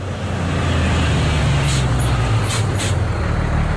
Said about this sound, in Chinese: 就在这个时候，一辆运菜的民用卡车停在了哨位前。